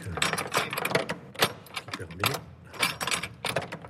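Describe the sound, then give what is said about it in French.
A key turns in the lock of a cathedral treasury door: a series of sharp metallic clicks, scrapes and rattles in irregular bursts, with keys jangling and a faint voice in the background. “Et voilà, la clé du trésor.”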